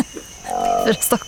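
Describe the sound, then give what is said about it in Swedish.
A brief call of a newly discovered ape species: a sustained, droning tone followed by a few short, rising hoots, fairly loud, with no talking over it. “Det här låter vår ju, nya apa.”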